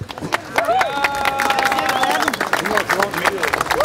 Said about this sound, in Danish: Der bliver klappet.